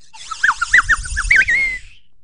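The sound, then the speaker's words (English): A slide whistle warbles through several quick up-and-down pitch swoops, then holds a brighter, higher note before cutting off. Fairly loud, with no talking. “A slide whistle can do many things for you, and it can also get you friends, which is the entire theme of the episode today.”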